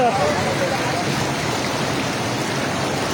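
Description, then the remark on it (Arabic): Powerful rushing floodwater roars steadily and loudly, a dense continuous torrent at an earthen embankment knocked out of service by the force of the water, with a brief faint voice at the very start. “يا قوة المي من عند الجسر الترابي.”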